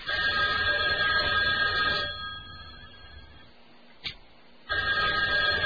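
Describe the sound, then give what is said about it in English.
A telephone call to an Italian restaurant in Brooklyn rings twice over a thin, phone-line sound, a steady ring of about two seconds, then a quiet pause with a faint click before the next ring starts. No one speaks. “Do you got a phone ring?”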